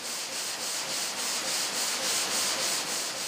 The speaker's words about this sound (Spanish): Cortar un bloque de mármol en losas lleva casi 5 horas. Para evitar que las sierras se sobrecalienten, se enfrían continuamente con agua.